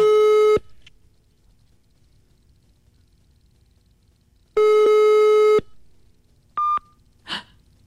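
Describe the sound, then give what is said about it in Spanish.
A telephone busy tone after a call is rejected: two steady electronic beeps, each about a second long and several seconds apart, then a brief higher-pitched bleep and a soft breath at the end. “Me está rechazando la llamada, me está rechazando.”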